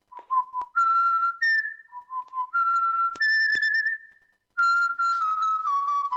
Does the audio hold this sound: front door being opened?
no